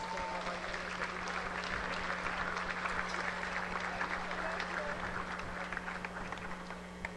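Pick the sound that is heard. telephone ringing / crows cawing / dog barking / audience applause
audience applause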